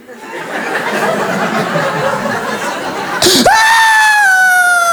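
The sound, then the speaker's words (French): An audience laughs and murmurs, then a voice abruptly breaks into a loud, sustained, high-pitched wail that sags slightly in pitch, imitating a baby's silent ('mute') crying fit as she warms up. “Et il y en a une qui pleure en mute, vous connaissez?”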